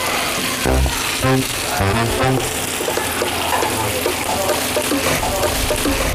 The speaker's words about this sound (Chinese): 水快支干的时候，就再放油嘛，再煎一会儿。马上哦。